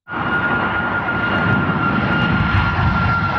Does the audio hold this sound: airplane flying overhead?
yes